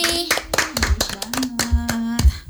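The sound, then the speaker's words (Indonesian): An audience claps for a performer after a recital of a poem about the Kupang language, in a loose, irregular burst of sharp hand claps over about two and a half seconds, with a steady low tone humming underneath. “Tepuk tangan untuk Molly.”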